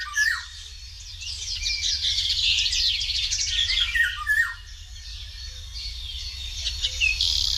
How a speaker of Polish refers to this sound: Tak właśnie brzmi wilga, szanowni państwo.